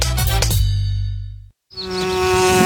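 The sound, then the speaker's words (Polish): Bees buzz in flight, a steady droning hum that cuts out abruptly for a moment, then resumes with a busier, brighter whirring of several insects. “Ale tu ruch. No jak wolu, ale na zawadach większy. Wszystkie pszczoły tam lecą.”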